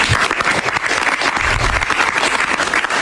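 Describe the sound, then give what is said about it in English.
Sustained applause from a group after a cabinet meeting, drawn by the president's comments to the press praising outgoing Director of National Intelligence Tulsi Gabbard; a dense crackle of many hands clapping at a steady, loud level with no voices standing out. “And the president drew that applause this past hour in comments to the press after the cabinet meeting.”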